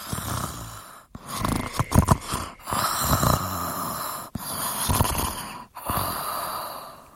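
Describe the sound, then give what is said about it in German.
Slow, steady breathing with soft snores on each breath, several cycles separated by brief pauses, fairly quiet, with no one talking. “Und bald hat man ein ruhiges Atmen in ein Schnurrchen aus dem Bad.”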